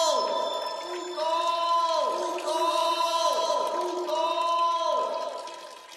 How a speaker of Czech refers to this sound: Slyším vodu. Studánka. Místo, kde pramení řeka. Našel jsem pramen.